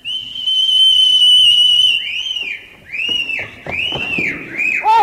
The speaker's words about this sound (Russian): Услыхав свист, Анка оглядывается, заложив пальцы в рот, отвечает